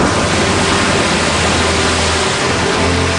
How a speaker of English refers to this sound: And at this point, it's a race against time to try to get her out so that she can spend her last moments with her family, see the stars at night one time, and hear the sound of the ocean at least one time before she dies.